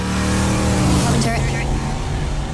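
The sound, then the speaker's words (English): A car carrying a very famous female passenger hums loudly and steadily as it zips past, with a brief sharper whoosh midway and indistinct muffled voices mixed underneath. “All you got to do is correctly tell me who this very famous passenger princess is zipping by in a car right here.”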